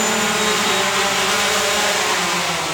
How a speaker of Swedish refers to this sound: när det istället hade kunnat gå en drönare med alla 5 paketen till den här byn. Nu ser vi den. Och kommer in för landning!